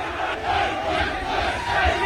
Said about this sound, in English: The final whistle goes. That's fake AI audio. That is. There's no way listen to that. They were just slamming the children. They weren't cheering like that.